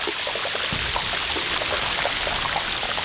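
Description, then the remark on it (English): Underwater, bubbles from pressurized glacier ice pop and crackle in a dense, continuous fizz, countless small snaps overlapping at a steady level with no voices. As the glacier ice flows into the ocean, bubbles squeezed under pressure pop out explosively into the water. “They get to the ocean and they pop out explosively into the water.”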